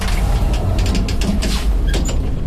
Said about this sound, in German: Aber woher kommt die Kälte? Wir fahren mit dem Lift aufs Dach.